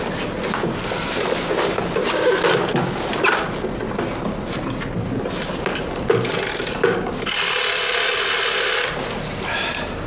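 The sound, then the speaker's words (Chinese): A newly installed telephone being dialed to test it by calling an office: repeated ratcheting clicks and whirs of a rotary dial turning and returning, then a steady, high electronic tone for a second or two before more clicking. “你就给办公室打个电话得了呗。”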